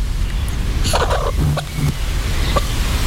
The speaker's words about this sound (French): Je crois qu'il y a une des poules qui essaye de nous montrer une direction. L'utopie. Elle réagit au mot utopie.